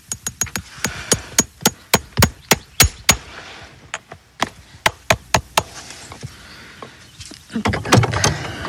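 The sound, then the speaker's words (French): Sharp, ringing hammer blows strike metal in quick rhythmic bursts, a run of about eight taps, a pause, then another series, as nails are driven into a horse's horseshoe, ending in some shuffling noise. Six to eight nails are used per shoe; eight for this horse, which does endurance work. “Alors, les clous, c'est entre 6 et 8. On en met le moins possible”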